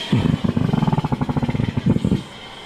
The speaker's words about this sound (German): Klingt irgendwie merkwürdig. Ja, da strömt der Wasserstoff durch diese dicken Schläuche in den Ballon und manchmal knattert das so dabei, vielleicht wenn das verdreht ist. Ich bin kein Experte, aber so hat es sich angehört.